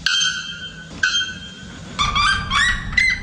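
Calls of a bare-throated bellbird and a red-legged seriema: two loud, ringing bell-like calls with a metallic tone, followed by a busier stretch of rising, yelping calls, clear with no talking; both species can sing above 120 decibels.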